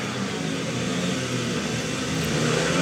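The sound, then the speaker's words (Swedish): Several speedway motorcycle engines rev together at the start of a heat in a Swedish league speedway match, riders lined up at the tape, a loud, continuous, buzzing roar with a rough, rising and falling pitch and no voices over it. “Så gasar vi upp.”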